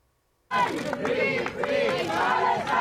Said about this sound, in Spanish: Al grito de Palestina libre han recibido en Barcelona a Saif Abu-Kesek, también entre aplausos y abrazos